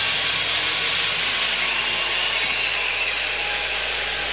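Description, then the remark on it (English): A loud, steady mechanical roar and hiss from a ballpark train runs throughout, with faint sustained whistle-like tones sitting inside the noise and no talking. “Lloyd's not familiar with the trains.”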